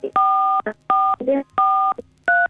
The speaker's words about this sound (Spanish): Cuidado, Susana, que estás tocando las teclas del teléfono.